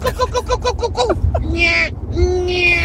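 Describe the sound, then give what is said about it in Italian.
A radio listener imitates a bird call with a quick run of short, bouncy chirps, then two longer, drawn-out nasal whistling cries, loud with a faint background hum. “anzi nel tunnel abbiamo trascinato i nostri ascoltatori, perché vi abbiamo chiesto di fare la vostra migliore imitazione del verso degli uccelli, e c'è anche chi si è tirato fuori così.”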